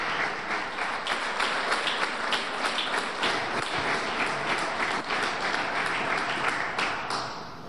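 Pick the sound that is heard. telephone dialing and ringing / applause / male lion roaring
applause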